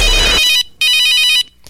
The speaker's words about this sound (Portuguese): e o telefone tem que tocar, né?